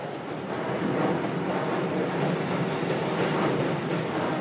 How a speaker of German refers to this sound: Zurück in die Metropole Fukuoka. Die Stadt wächst immer weiter ins Umland. Der Bahnverkehr nimmt dadurch zu. Eine Brücke mitten in der Großstadt. Hier bündeln sich einige Strecken und im Minutentakt fahren Züge aller Kategorien.